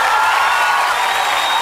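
A burst of audience applause, dense and steady clapping that stays loud and even throughout, with no voices speaking over it.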